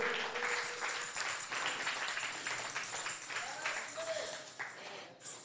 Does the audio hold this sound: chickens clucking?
no